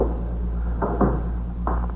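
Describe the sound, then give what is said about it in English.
The door of a lieutenant's office is pushed shut with a few soft thuds and clicks over a steady low hum; no one speaks. “Shut the door, will you”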